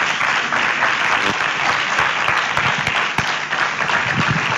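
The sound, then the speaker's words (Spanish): Sustained audience applause for a guest speaker fills the whole stretch, a dense, steady wash of many hands clapping with no talking over it. “Un aplauso también para gracias él.”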